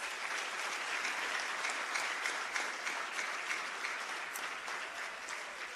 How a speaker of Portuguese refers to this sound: graças a estes jovens, a quem eu peço uma grande salva de palmas.